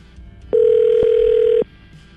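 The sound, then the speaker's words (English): A single steady telephone ringback tone, heard while a radio show on 101.9 calls a man's phone, lasts about a second, clear, over a faint background hum with no voices. “As soon as Andrew picks up the phone, we're going to find out exactly what his side of the story is.”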